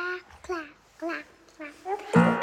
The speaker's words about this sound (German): Und da ist am Anfang einfach ein Baby zu hören. Das ist schon ein bisschen wild, aber ja, er hat sich gedacht, er fängt mal genau so an,